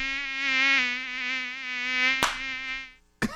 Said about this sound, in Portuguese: Sai mosquito da dengue. Sai daqui, bobo. Sai daqui, seu bobão. Ai, como tem mosquito chato, né?